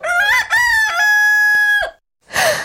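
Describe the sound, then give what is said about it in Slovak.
A huge rooster in front of a house crows loudly, a single long cock-a-doodle-doo with a rising start and a held, strained final note, followed by a brief pause and a short rough squawk. “Diabol sa prepadol do pekla a pred naším domom sa objavil obrovský kohút.”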